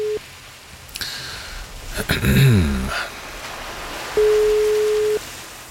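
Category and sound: signal or alarm, telephone ringing tone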